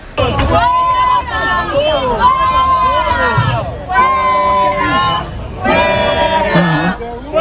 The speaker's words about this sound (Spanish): Trataba de un señor de unos 70 años que portaba un teléfono móvil con el que iba grabando, y en la funda tenía una bandera carlista, y eso lo ha llevado a ser increpado por un gran número de manifestantes que se han agolpado